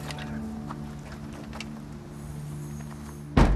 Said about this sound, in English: The coroners close the van's back door.